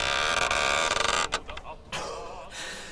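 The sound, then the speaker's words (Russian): A warped door that opens only slightly creaks loudly in a long, grinding groan as it is pushed, breaking off briefly before a second, softer drawn-out creak follows. “Потом и ее распахнул, чтобы было видно голое тело, и толкнул дверь.”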